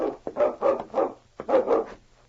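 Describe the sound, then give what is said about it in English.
A dog named King barks at a man crossing the lake, in two quick bursts, about four sharp barks then two more after a brief pause, loud with no one talking. “Listen to King. Don't tell me it's more visitors I'm having.”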